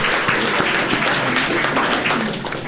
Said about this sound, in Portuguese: Salva de palmas a todos vocês.